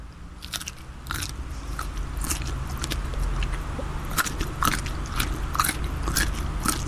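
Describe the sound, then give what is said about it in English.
Crunchy chewing of an uncoated food with a strong crunch, a steady series of sharp crackling bites repeating every half second or so over a low background hum, with no talking. “There's a bit of crunch. It's a bit of crunch there.”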